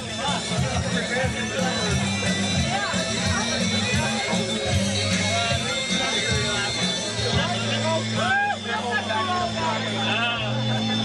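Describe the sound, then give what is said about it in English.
Steady crowd noise at a cycling event, with overlapping voices and chatter, a busy outdoor hubbub with a low rumbling background, loud throughout. “It is Kill Radio. Listen to that crowd.”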